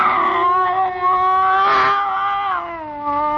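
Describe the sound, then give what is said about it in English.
A scrawny cat, Clara, yowls at a bushmaster snake with its back arched and every hair on end. It gives one long, continuous wail, fairly loud, its pitch wavering and swelling midway before dipping and rising again, with no other sounds. “Slowly, it moved out into my line of vision. It was a cat.”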